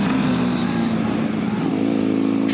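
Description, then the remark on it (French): A large VFR 1200 motorcycle engine of 186 horsepower runs loud, a continuous throaty drone whose pitch rises and dips slightly, with no pauses and no voices. “Et le truc pour lequel la moto est si facile, si agréable dans les petits enchaînements, ce qui n'est pas gagné pour une VFR 1200, parce qu'à la base c'est quand même une grosse mécane.”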